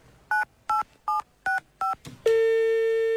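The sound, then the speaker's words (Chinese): Five short, evenly spaced telephone keypad beeps ring out clearly as a child dials his father, followed by a brief click and then a steady, continuous line tone that holds to the end. No one speaks. “警察叔叔，我可以给我爸爸打个电话吗？”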